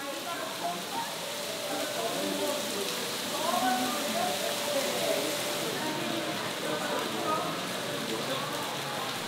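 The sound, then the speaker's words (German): Heavy rain pours down in a dense, unbroken hiss, with a steady wash of spattering drops that holds at an even loudness for the whole stretch. “Das gab es schon in früheren Jahren, dass es sehr geregnet hat.”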